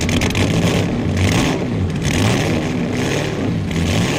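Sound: racing car engine revving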